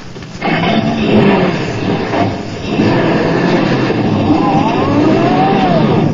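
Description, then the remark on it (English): A truck carrying luggage, driven by Colonna, drives to the railroad station, its engine roaring steadily with rattling and clattering over a constant rumble, and a whining pitch that rises and falls. No one speaks. “Now, come on, drive us down to the railroad station and step on it.”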